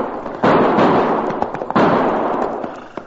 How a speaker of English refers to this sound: Not only did I hear those gunshots, Cherokee, but now I can see where they came from. Hey, look over there. See that smoke rising just over the roof of that hay barn?